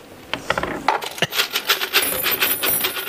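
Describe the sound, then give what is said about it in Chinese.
A bunch of many keys, kept one from each rented home over many years, jingles and clinks: a few sharp metallic knocks followed by a sustained rattling shimmer that continues to the end, with no talking. “妈呀，这咋这么多钥匙呢？”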